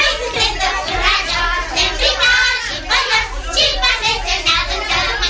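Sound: children playing and shouting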